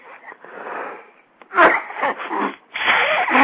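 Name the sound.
sneeze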